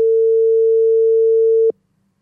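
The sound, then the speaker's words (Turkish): A WhatsApp outgoing call ringing tone: a single steady, pure electronic tone holds for under two seconds, then cuts off abruptly into near silence. It is fairly loud, with no voices. “WhatsApp'ta karşı tarafta telefonu çalıyorsa çalıyor yazıyor. Çalmıyorsa aranıyor yazıyor.”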